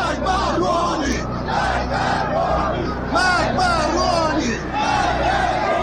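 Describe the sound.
A large crowd at a protest march in Mashhad, Iran, on 7 Dey 1396 (December 2017), held by conservatives against Hassan Rouhani's government over high prices, chants and shouts together in loud, rhythmic bursts, many voices rising and falling in unison over a constant low rumble of street noise.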